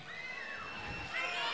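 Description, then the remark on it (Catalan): Water sloshes steadily for a moment, fairly loud, growing a little fuller toward the end, with a faint murmur of voices in the background, on a hot day. “Aigua, fa calor.”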